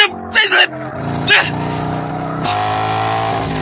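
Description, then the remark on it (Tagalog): A motorcycle engine revs hard in a few quick bursts, then holds a loud, steady roar as the rider flees at speed, with brief shouted voices at the start. “Pagkusgan ako ang pagpanagan sa motor!”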